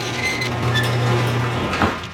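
A garage door runs on its motor, a steady low mechanical hum with faint rattling over about two seconds, fairly loud, with no voices.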